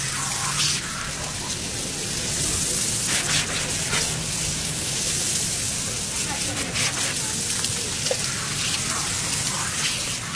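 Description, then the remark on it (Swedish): A steady, loud hiss of water spraying forcefully from fire hose nozzles onto a burning kiosk, dense and continuous like heavy rain drumming on surfaces, with faint crackling bits underneath. “Nu sprutar vattnet ur munstyckena med stor kraft.”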